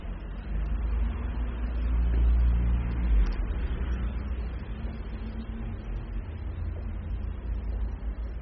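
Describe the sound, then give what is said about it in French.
Steady low rumble of street traffic on rue du Four near faubourg Saint-Germain, with a car swelling louder as it passes by early on, then a continuous hum of vehicles, including a white scooter, several cars and a taxi with a roof rack, moving along a city street, no voices. “Un scooter blanc, plusieurs voitures, un taxi avec une galerie.”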